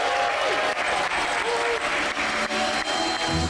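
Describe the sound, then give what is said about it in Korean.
A large audience at the Samsung Electronics Unpacked event in London, England, bursts into sustained applause and cheering as the Galaxy Z Fold 8 is unveiled, a dense steady roar of clapping with scattered whoops running loud and unbroken for several seconds. “삼성전자 언팩의 주인공 갤럭시 Z 폴드 8이 영국 런던에서 베일을 벗자 환호가 터져나옵니다.”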